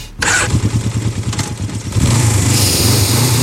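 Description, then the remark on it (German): A motorcycle engine starts with a sharp burst, then idles in a low, pulsing throb before revving up into a louder, steady roar. “Oh, dieser Duft, dieser Klang.”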